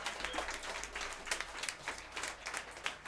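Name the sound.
audience applause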